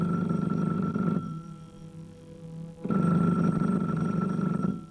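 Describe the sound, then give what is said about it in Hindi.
An old-style telephone bell rings in two long, loud bursts separated by a short pause, its metallic clatter filling a bare, lonely room, with no voices present. “ऐसी घंटी टेलीफोन ही की होती है।”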